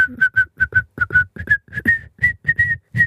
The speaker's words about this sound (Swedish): Det där är nog att kunna vissla. Ja. En full melodi. Ja, full melodi.